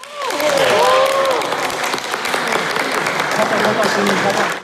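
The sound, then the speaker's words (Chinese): A large audience claps steadily and loudly for several seconds during the talent show round of the Chinese Bridge Chinese-language competition in Germany, a dense continuous patter of applause, with a few voices rising above it near the start. “才艺展示环节中，脱口秀、书法、武术、功夫茶、歌曲演唱等节目轮番登场，既展现了选手们对中华传统文化的理解，也体现出德国青年开放自信的表达方式，现场掌声不断。”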